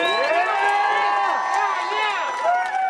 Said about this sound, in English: Can I just give one more round of applause for 1,600 miles of bike paths?